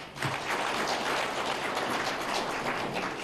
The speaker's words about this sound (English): And I can only applaud our young people that we always used to say, our young people are not ready for hard work, but they have proven us wrong, and they deserve a round of applause.